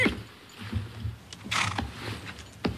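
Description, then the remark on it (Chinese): A startled horse gives a loud, harsh whinny as someone seizes its reins, swings up onto it and pulls it to a halt, framed by snorting breaths and clattering movement, with no one speaking. “张骞迅速地跑上前，伸手拉住缰绳，借力翻身上马，用力一拉，勒住了马儿。”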